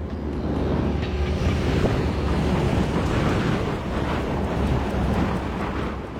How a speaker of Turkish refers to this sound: Unaklit'te ERA terminalindekiler bekleye dursun, kuvvetli rüzgar en tecrübeli pilotları bile şaşırtıyor. Oldukça korkunç.